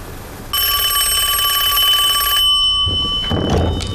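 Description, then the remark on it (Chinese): A loud, bright telephone bell rings in a rapid metallic trill for about two seconds, then cuts off and gives way to a short burst of rustling, clattering noise. “哎，赶紧让老爷接个电话。”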